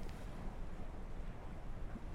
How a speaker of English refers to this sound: And amongst other things, I recorded the sound of the sea, where we had a little dip. So that's what you're hearing behind me now.